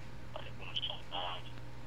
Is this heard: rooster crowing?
no